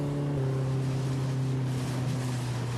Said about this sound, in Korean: 저기 배가 보입니다. 시간을 거슬러 가는 것 같습니다. 보트는 앞으로 가고 있는데 저희는 과거로 가고 있는 것 같아요.